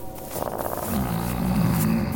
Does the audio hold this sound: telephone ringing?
no